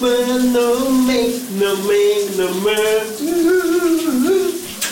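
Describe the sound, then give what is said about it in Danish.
Steady hiss of a running shower fills the whole stretch while a muffled voice sings a gliding melody beneath the spray, fairly loud throughout. “Vi skal have brusebadshittet ud af ovnen lige nu.”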